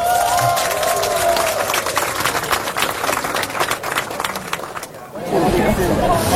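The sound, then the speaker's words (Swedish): A large audience claps steadily for about five seconds for the kitchen staff who prepared the food. It is a dense wash of applause with some cheering, which fades out as a voice begins speaking near the end. “vi ger henne och hela matlaget en rungande applåd.”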